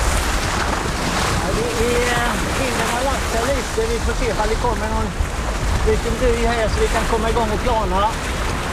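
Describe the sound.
A boat's engine drones steadily with waves and wind rushing at sea, a loud, constant wash of noise, while a person talks over it throughout.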